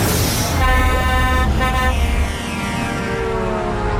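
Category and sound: vehicle, horn honking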